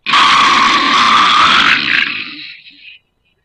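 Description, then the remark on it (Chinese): A voice imitates a loud, raspy snore of someone who starts snoring as soon as his head touches the pillow: one long, rough, drawn-out rumble lasting about three seconds that gradually fades before cutting off. “常玉春一看这张大床，凉啊，脑袋一沾枕头，呼噜就出来了。”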